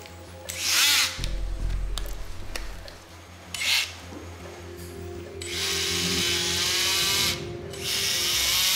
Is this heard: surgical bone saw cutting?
yes